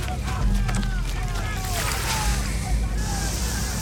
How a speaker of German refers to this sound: Hier ist der Schlauch. Gib her. Ich drehe noch schnell das Wasser an.